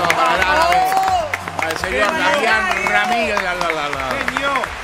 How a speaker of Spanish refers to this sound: Este aplauso para todos.